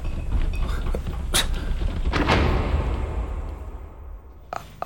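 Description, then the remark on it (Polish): A door bangs and rattles, a few sharp knocks followed by a louder swinging thud with creaking, then a brief clack as it settles. No one talks. “Drzwi!”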